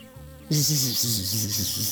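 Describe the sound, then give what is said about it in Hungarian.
A bee buzzes loudly and steadily after a brief quieter lead-in, its droning hum wavering slightly in pitch, with no voices present. “Én nem vagyok olyan álomszuszék, mint a többi, döngécselte a hullatag virágbokroknak.”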